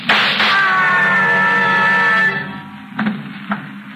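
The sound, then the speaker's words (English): In a radio drama, a sharp, loud gunshot opens into a long, high-pitched scream held for about two seconds downstairs, then it cuts off and two quieter thuds follow. “What was that? I heard a scream. Downstairs. What did I? And shot.”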